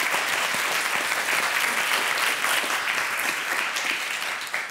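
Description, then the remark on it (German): An audience claps steadily for a guest who has reported her ex-partner, a dense wash of many hands at a constant loud level for several seconds, tapering slightly at the end, with no voices over it. “Applaus dafür übrigens.”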